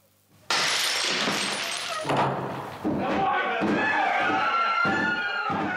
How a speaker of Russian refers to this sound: Не ломайте дверь! Стрелять буду!